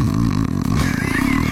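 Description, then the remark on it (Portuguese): A person mimics snoring with their voice, a rough, rattling low drone held steadily for a moment, fairly loud, with no words spoken. “deve roncar, tem cara aqui. Um barulho mais ou menos assim, ó.”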